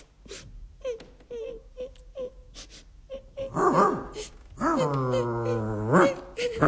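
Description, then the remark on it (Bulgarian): A few short, choppy sobs give way to loud, drawn-out wailing cries with a rising and falling pitch, with no talking. “не плачи”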